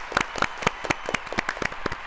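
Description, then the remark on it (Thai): A short burst of applause from a small group, with sharp, uneven claps scattered across about two seconds at a moderate level and no talking over it, called for after both answered a question correctly. “ตอบถูกทั้งคู่ค่ะขอเสียงปรบมือด้วยค่ะ”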